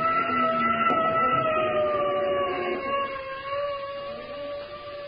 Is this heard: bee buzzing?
no